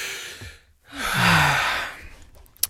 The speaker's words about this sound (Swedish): Jag ska dra efter andan så jag kan presentera det här utan flas.